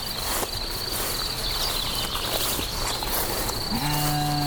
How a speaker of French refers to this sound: Qui abrite un bon nombre de brebis.